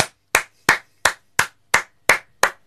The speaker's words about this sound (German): Applaus, Applaus, Applaus, Applaus, Applaus, Applaus.